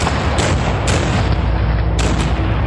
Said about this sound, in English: This is known as the famous Pickett's Charge. However, as his brave soldiers are forced to march across a mile of open field, Federal cannon and muskets take their toll.